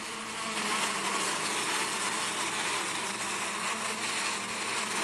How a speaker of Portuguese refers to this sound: O som da abelha aí, ó.